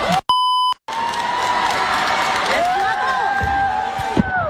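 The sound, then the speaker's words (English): A brief electronic beep tone sounds, then a large crowd at a school erupts in loud, sustained cheering and whooping after a speech, with shouts and whistles rising above the roar throughout. “That's a lot of cheering, and I feel like that's adult cheering as well.”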